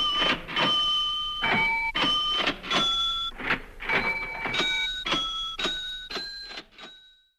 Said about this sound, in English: For now, I'll leave you with … musical cash register.